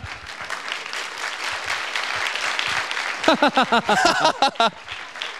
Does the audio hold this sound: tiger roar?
no